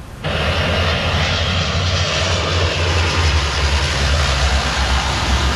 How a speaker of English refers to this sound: Canadair firefighting planes have been deployed to help tackle a raging wildfire near Paris.